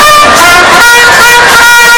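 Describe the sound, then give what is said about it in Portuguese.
A loud, brassy horn blast sounds for about two seconds with no one talking, its steady blare wavering in a few brief pulses. “A corneta vai tocar.”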